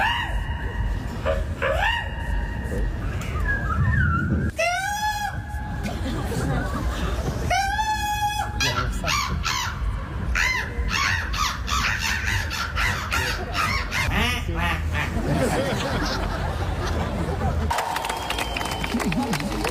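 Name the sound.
people imitating bird calls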